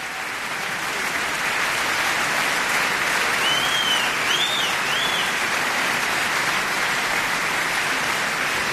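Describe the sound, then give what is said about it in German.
The audience at the reopening of the Cologne Opera on Offenbachplatz applauds the Gürzenich Orchestra and conductor Andrés Orozco-Estrada in a dense, steady roar of clapping, with a few high whistles or cheers rising briefly above it around the middle. “Sie hören das Publikum, da gibt es kein Halten.”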